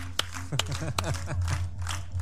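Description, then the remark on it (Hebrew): An audience of children breaks into clapping for King Hezekiah, a few sharp claps at first, then a looser patter of hands, with a voice speaking over it and a steady low hum underneath. “חיות כפיים לחזקיהו.”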